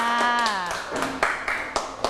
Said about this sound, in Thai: ขอเสียงปรบมือให้กับกลุ่มที่5ค่ะ